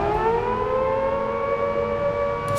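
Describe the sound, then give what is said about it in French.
A loud, sustained prison alarm siren wails steadily with layered harmonic tones, holding a constant pitch with a slight rise throughout, with no voices present. Guards sound it after finding three empty cells. “On sonne l'alarme.”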